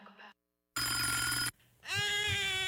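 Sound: phone ringing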